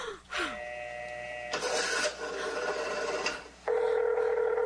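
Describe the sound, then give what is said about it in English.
A telephone rings on and on with no one picking up, heard as loud, steady electronic tones that switch pitch in short segments after a brief sliding chirp at the start. No voices. “Where is she? Why doesn't she answer?”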